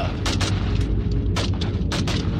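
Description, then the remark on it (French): A burst of loud gunshots, roughly seven sharp cracks in quick irregular succession, ringing out as a van drives off, over a constant heavy low rumble, with no talking. “Quand ils ont démarré, je descendais les escaliers et j'ai entendu les coups de feu.”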